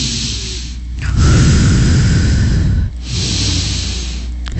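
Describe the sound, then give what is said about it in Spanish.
Loud, slow, deliberate breathing meant to calm an anxious person, with no talking: a drawn-out breath, a brief pause near three seconds, then another long, steady breath. Each has a deep, rushing, airy roar. “y lo que usted va a hacer es respirar para darle al otro esa estabilidad, pero tiene que respirar fuerte, como que se escuche.”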